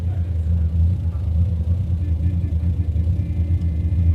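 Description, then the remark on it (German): A car engine idles steadily with a deep, continuous low rumble and slight pulsing throb, holding an even loudness throughout with no other sounds on top. “Stell den Motor ab.”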